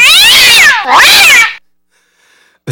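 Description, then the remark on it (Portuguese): A cat in heat, looking for a female, caterwauls loudly, two long, strained, warbling yowls in quick succession, then near silence with a faint high tone before another sound cuts in at the end. “É um miado, é um rasgado de garganta que eu não sei de onde sai tanta força.”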